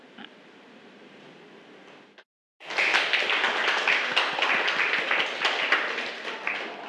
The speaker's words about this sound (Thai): ค่ะนักเรียนคะเดี๋ยวเรามาขอบคุณสื่อวิดีทัศน์ดีๆเพื่อการศึกษาในวันนี้กันนะคะให้นักเรียนปรบมือขอบคุณนะคะเจ้าของสื่อนะคะ